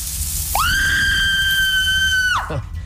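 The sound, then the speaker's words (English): A single loud, high-pitched scream, a cry for help, that rises sharply, holds a steady piercing tone for nearly two seconds, then drops away abruptly, over a low rumbling background. “I hear a cry for help.”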